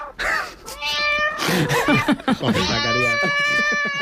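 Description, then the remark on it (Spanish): Three rescued cats, Lía, Cosmos and Caos, who will live in a cat house at the Municipal Institute, meow loudly, a quick run of short, choppy cries building into a long, drawn-out, wailing caterwaul that holds for over a second. “Son tres animales tranquilos, no como los que nos ha puesto Zacarías”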